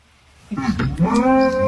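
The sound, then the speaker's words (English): A single drawn-out moo from a herd of cows in a field on a farm, replying to a golden retriever imitating them, starts after a brief pause and holds steady, fairly loud, with a slightly rising, nasal tone that lasts about a second. “And there's the cows replying to her.”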